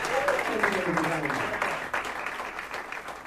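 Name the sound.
audience applause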